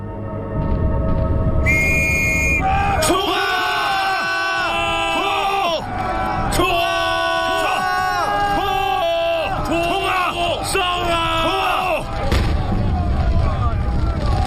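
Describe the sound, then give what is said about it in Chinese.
Shrill, warbling whistles blast repeatedly in overlapping bursts, signalling British and French troops to attack the German lines, over a low rumble and the roar of shouting men. “听我的哨声！”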